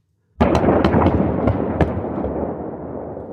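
A sudden sequence of demolition charges going off as several explosive charges sever the windward guy wires of a mast: several sharp, loud cracks in quick succession over a heavy booming roar that slowly rolls away and fades, with no voices.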